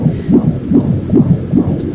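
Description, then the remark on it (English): A fetal heartbeat on a Doppler placed by a sonographer on a young woman's belly: fast, steady whooshing pulses, about two per second, over a constant low rumble. Loud, with no voices. “And that sound, you know the sound I'm talking about, that sound, the sound of a baby's heartbeat began to resound in the room.”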